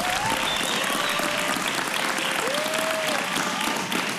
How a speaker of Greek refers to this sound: Ω, ένα χειροκρότημα!